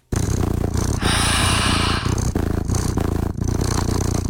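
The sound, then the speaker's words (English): A steady, loud cat purr from the Purrli website (purrli.com), a cat-purr sound generator with adjustable sound and purrs per minute, rumbles throughout with a low, buzzing, rhythmic pulse and a brief swell in the middle, with no talking over it. “You can dial it in to change the sound, add meows, or even adjust the purrs per minute.”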